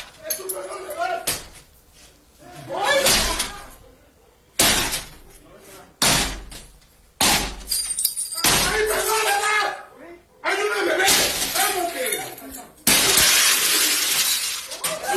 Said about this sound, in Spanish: Imágenes, se observa a dos sujetos con capuchas y armas largas tirar la puerta del acceso de la vivienda ubicada en el municipio de Nanchital. Esto es al sur del estado de Veracruz, donde se encontraba la también directora del medio digital Impulso.